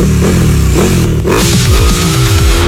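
A motorcycle engine revs loudly with no talking, its pitch repeatedly swooping up and down in quick throttle bursts over a steady low rumble for just under three seconds.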